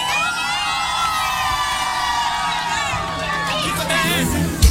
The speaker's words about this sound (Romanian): petrecerii să strige Galați!